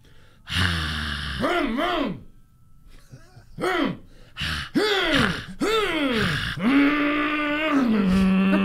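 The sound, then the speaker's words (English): A single voice imitates a screaming crowd with loud, strained wails that rise and fall in pitch, coming in several bursts with short gaps, then a long held, wavering cry to finish. “Crowd screaming. Do a crowd screaming sound.”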